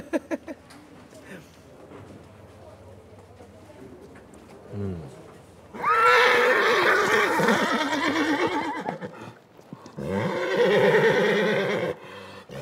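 Horses neigh loudly in two long, shrill whinnying bursts, the first lasting several seconds, after a quieter stretch of low background murmur and faint clatter, at the Fiesta de Saint John horse festival in Fornells, Menorca.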